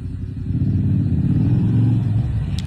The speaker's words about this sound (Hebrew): אופנוע. קורא לחבר שיחסום אותו.